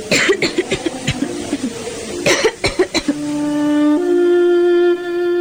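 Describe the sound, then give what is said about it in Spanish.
A person with asthma coughs in a rapid, harsh fit of quick bursts for about three seconds, then gives a long, strained, whistling wheeze of breathlessness held on a steady tone that steps up in pitch partway through. “adquirió desde los 10 años la enfermedad del asma, que al comprimir los bronquios produce continuos ahogos y falta de respiración.”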